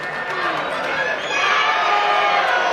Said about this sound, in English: Fans chanting and cheering to every sound in the ballpark tonight. Could feel a great enthusiasm from the moment they arrived. Now they're looking to unleash in this eighth inning.